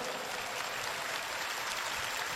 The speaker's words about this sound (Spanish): Fuerte ese aplauso para Jesucristo.